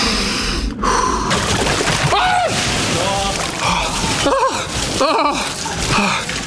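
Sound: gasping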